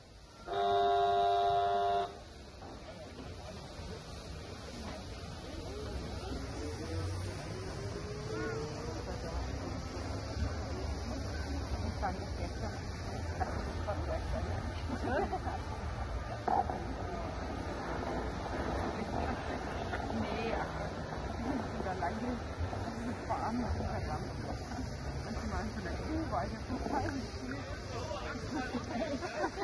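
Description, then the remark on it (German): A short, loud whistle blast opens, followed by a steady rumble of steam locomotive 35 slowly reversing, with hissing and mechanical clanking throughout and no clear pauses. “Die 35 setzt jetzt zurück.”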